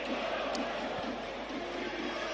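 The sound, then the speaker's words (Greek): A stadium crowd of Panathinaikos football fans applauds and cheers as Taborda goes to take a corner kick for Panathinaikos, a steady, dense wash of noise that holds at an even level throughout, with no voice standing out. “Και πάει για να εκτελέσει αυτό το κόρνερ ο Ταμπόρδα και ακούτε τα χειροκροτήματα από τους φίλους του Παναθηναϊκού.”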